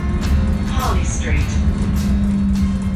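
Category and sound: vehicle, bus ride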